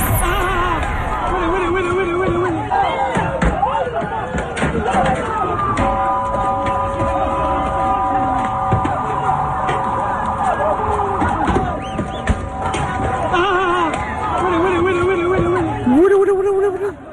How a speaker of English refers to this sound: Yelling and screaming over there in Ceuta. Ceuta, Spain, which is actually connected to Africa. You've seen the pictures now of these crazy people, Moroccans, trying to take over a big chunk of the Spanish country.